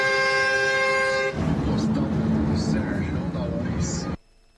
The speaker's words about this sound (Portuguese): Ó, o outro espanta a onça na buzina.